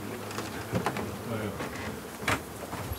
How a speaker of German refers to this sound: Und hier sind die Bienen drin.